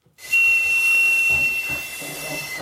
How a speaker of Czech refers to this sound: právě zapískal na jednu opravdu pohmožděnou píšťalu. Opravdu úplně zdemolovaná teda, to jsem zvědavý, co s ní tady pánové udělají.